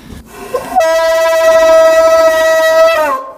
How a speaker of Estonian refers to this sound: Seal on kõik need udupasunad ja kellad veel kõik, noh, need seda tõmmatakse kogu aeg siin, see on põhiasi, et seal taga on ja need udupasunad, need on kaks tükki on siin erinevat.